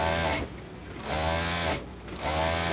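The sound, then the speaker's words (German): A sewing machine runs in bursts, whirring steadily for a moment, slowing, then speeding up again, fairly loud with a mechanical hum and no voices, as a 68-year-old woman sews at it in her clothing alterations shop, among fabric rolls, ironing boards and Chinese good-luck charms, in a covered market. “Konzentriert sitzt die 68-jährige Sandy Sheng über ihre Nähmaschine gebeugt, zwischen Stoffrollen, Bügelbrettern und chinesischen Glücksbringern.”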